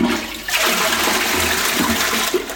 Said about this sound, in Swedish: Det är ju en lyx egentligen att vi spolar renat vatten i toaletten.